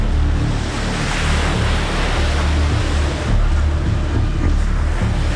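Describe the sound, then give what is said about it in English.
A steady, loud roar of churning water from an incoming tidal bore on a river, with wind buffeting the microphone throughout and no voices. “Now, for the last 30 seconds, I can feel the wind. So that's like a sign the boar is coming. Now I can see it clearly.”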